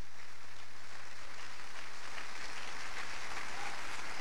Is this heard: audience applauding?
yes